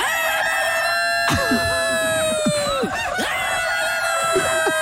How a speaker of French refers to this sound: Si le coq pouvait parler, qu'est-ce qu'il dirait? Oh putain, 4h30.